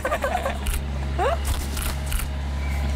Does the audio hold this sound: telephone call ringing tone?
no